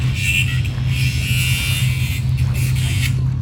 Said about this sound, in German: Dieses Schleifgeräusch, gehört das zum Sound? Ach nein, das ist der Gärtner mit der Flex.